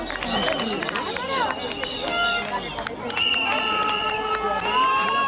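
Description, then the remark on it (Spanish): A dense crowd cheers and shouts continuously for returning protesters who had burned shacks and settlements on a beach, many voices overlapping in a loud roar with whoops and calls rising above the babble throughout. “Y volvían ya vitoreados los manifestantes de un suceso que demuestra una situación límite, un límite de acciones que se va agrandando.”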